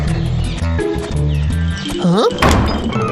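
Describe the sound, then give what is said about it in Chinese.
Several loud, sharp, forceful thunks of a chess piece being slammed down onto a board during a game, mixed in with busy background music and a brief vocal sound. “原来是下棋呀、啊，吓我一跳。”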